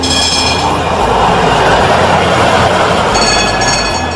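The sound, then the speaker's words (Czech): A horse-drawn tram pulled by a white horse rolls along its rails toward Marijin Dvor after a bell signals departure, with a loud, steady rumble, thin metallic squealing tones rising at the start and again near the end. No voices. “Zvonce je oglasilo polazak i brkati tramvajđija Johan Hanke potjerao je svog bijelca po šinama”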